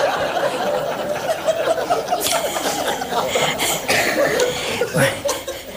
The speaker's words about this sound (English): This is a signal for a cough.